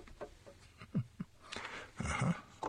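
A dog, Odie, barks at a television screen after leaping onto a chair, a few short, sharp yips, then a longer, rougher bark-growl, with no talking.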